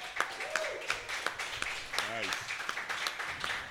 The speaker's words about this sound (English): That was a larger applause than you got. Yeah. I was just pointing that out.